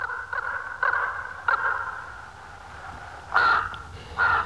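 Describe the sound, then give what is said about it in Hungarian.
Harsh, raspy crow caws ring out in a loose series, several short calls early on, then two louder, closer caws near the end, with no one speaking. “Vajon meddig tart egy láb? És meddig egy ilyen madár?”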